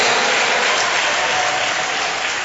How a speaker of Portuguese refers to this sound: Vamos aplaudir ao Rei dos Reis. Senhor dos senhores, isso, batendo palmas e dando glória. Eu escuto as palmas, mas não escuto glória.